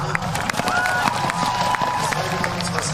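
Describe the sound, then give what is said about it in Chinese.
A crowd of spectators at an equestrian cross-country competition cheers and claps for rider Jung and his horse in a steady, dense roar, with scattered whoops and a few sharp claps rising above the constant wash of noise. “另外呢这对组合能感觉出来，在观众的欢呼声当中他们是很享受比赛的。”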